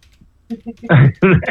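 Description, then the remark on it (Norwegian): A few quick taps on a computer keyboard while someone types onto a list, soft at first, then a louder burst of sound, with a voice joining toward the end. “Jeg må inn og skrive på lista her.”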